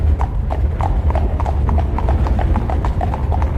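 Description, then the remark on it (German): Steady clip-clop of horse hooves pulling a carriage over a drawbridge into the grass-overgrown courtyard of an old castle, a quick regular rhythm of sharp knocks over a continuous low rumble of rolling wheels, with no voices. “Der Wagen rollte über eine Zugbrücke und hielt im grasüberwucherten Hof eines alten Schlosses, das von runden Türmen mit schwarzen Zinnen flankiert war.”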